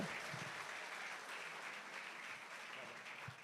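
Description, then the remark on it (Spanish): An audience applauds steadily for the Holy Spirit, the dense clapping of many hands holding a loud, even level for the whole stretch without fading. “Démosle ese fuerte aplauso al Espíritu Santo.”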